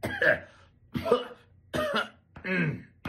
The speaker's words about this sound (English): I couldn't get that one out without coughing.